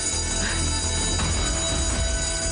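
A fire alarm in an office building rings without pause, its steady electronic tones sustained at constant loudness over a low background rumble. No one speaks.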